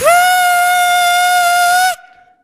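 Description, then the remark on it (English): A person imitates a whistling stovetop kettle of water left heating on a burner, one steady, loud, shrill tone lasting nearly two seconds. It has a breathy edge, rises slightly at the start, then cuts off abruptly. “And then I realize, the kettle on the fire.”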